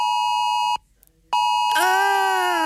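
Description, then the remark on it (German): A shrill electronic mobile phone emergency alert tone, sent on a nationwide warning day, blares loud and steady, cuts out briefly, then resumes and rises into a harsher, wavering multi-tone warning sound. No one speaks. “Hat's bei euch Vormittag auch so gepiept und gebrummt?”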